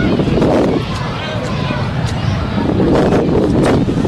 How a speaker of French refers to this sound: Je vous rappelle en ce moment là, c'est vent du sud-sud-est à 32 km à l'heure.